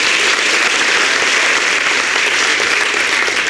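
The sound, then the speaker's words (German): Loud, sustained audience applause for a singer's final performance fills the whole stretch, a dense and steady wash of many hands clapping, with no voices standing out. “Dein Applaus”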